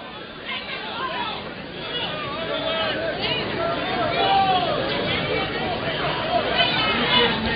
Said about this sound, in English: Kentucky crowd sounds a little bit upset now.